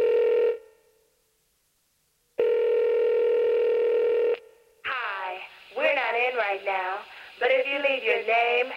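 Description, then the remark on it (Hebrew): Two long, steady telephone tones separated by a pause of silence, then a recorded voice begins, like an answering machine message picking up after the ringing, at the start of a 1992-93 song by a girl group. “באותם שנים היה עוד הרכב בנות שניסו שיצליח להן, והם הוציאו שיר אחד על מותי, שמתחיל עם משהו שאולי אתם לא זוכרים. מזכירה אלקטרונית.”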